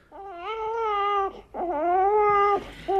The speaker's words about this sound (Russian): Груздев берет от дубова ребенка, который снова расплакался, и спешит в носовую часть судна. Молчи, малый, молчи. Моряку плакать не полагается.